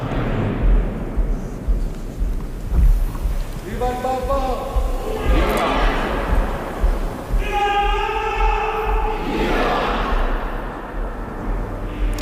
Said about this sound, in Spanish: La espontaneidad que se escucha en este momento. Son otros cantos, ¿no? Sí. Y ahora los aplausos, la ovación de las personas que están allí congregadas.